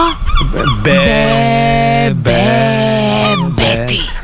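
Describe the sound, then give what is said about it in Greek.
Seagulls call loudly in a run of harsh, drawn-out wails, a few short yelps leading into long sustained cries that follow one another with barely a pause. “Καλέ, τι γλάρια ακούγονται.”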